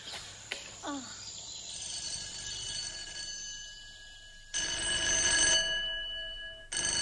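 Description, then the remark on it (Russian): A telephone bell rings loudly in the evening in an office of the zoological institute, in rattling, buzzy bursts: one ring lasting about a second, then another beginning, over a faint steady background hum with no talking. “Вечером в кабинете зоологического института затрещал телефон.”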